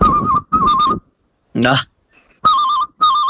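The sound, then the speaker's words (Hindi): A man imitates an old telephone bell with his mouth: two quick pairs of warbling, trilling rings, loud, separated by a short pause with a brief vocal sound in between. “तो सर, मैं सबसे पहले, अब मोबाइल की दुनिया है तो मैं पुराने समय को याद करता हुआ एक टेलीफोन की बेल सुनाना चाहूंगा सर।”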